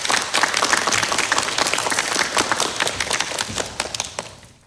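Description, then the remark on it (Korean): Steady applause from an audience at a KBS forum on gender equality, inclusion and diversity, welcoming the keynote speaker, the president of the Korean Federation of Science and Technology Societies; many hands clapping in a dense, continuous patter that holds for several seconds before fading out. No one speaks over it. “박수로 맞아주시기 바랍니다.”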